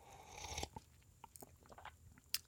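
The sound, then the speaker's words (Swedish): A wet slurp of hot coffee lasting about half a second, followed by soft mouth clicks and small swallowing sounds, with a sharp click near the end. “Nu är det kaffeslurken igen då.”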